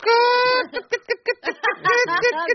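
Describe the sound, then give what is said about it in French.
A human voice imitates a hen clucking: a drawn-out squawk followed by a quick, rhythmic series of clucks, loud, with no other talk. “T'imagines une poule à l'antenne qui ferait une chronique ?”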